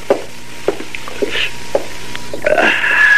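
Several light knocks and clinks, then a steady fizzing rush of liquid as beer is poured into a glass and drunk, with no voices.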